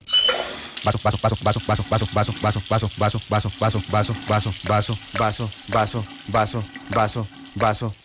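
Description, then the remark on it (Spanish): Tap water runs steadily as a glass is washed, a continuous hiss of flow under a loud, rhythmic, pulsing tonal sound that repeats throughout. “Vaso. Para lavar algo tan sencillo no necesitas dejar la llave abierta.”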